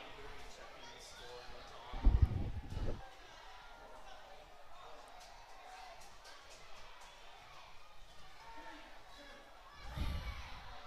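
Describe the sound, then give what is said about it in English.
A large stadium crowd cheers and murmurs at a football match as a player eggs them on, a steady broad roar of many voices, with a couple of brief low thuds rising out of it. “One of the Arnhem Crows is egging on the crowd. Give us some more, he says.”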